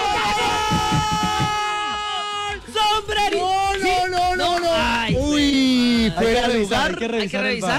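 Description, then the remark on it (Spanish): Several people shout and yell together at once, loud, their excited voices overlapping and rising in pitch in bursts, reacting to a moment in a Colombia football match. “¿Y ustedes por qué gritan primero que yo?”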